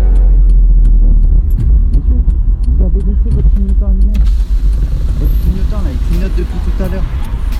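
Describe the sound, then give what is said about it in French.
A car engine rumbles steadily, a deep continuous drone under people talking, with a few light clicks and rattles near the start. “Vroom vroom, ça laisse dans le moteur.”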